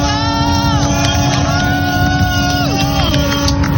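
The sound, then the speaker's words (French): A chorus of boat horns blares at once as boats salute Charlie Dalin's arrival at the finish line of the Vendée Globe sailing race, with smoke flares being lit. Overlapping long steady tones, a few pitches sliding downward, loud and continuous over a low rumble of engines and a crowd. “Tous les bateaux qui sont en train de saluer et les fumigènes qui sont en train d'être allumés juste à côté de moi pour saluer l'arrivée de Charlie Dalin en direct.”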